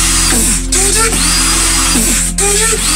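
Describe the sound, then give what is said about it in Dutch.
A real electric drill whines loudly, its motor pitch swooping up and down in rhythmic bursts and wobbles that mimic a dubstep beat, with a few brief stops between phrases. “Dit is een gast die dubstep beats aan het nadoen is met een echte boormachine.”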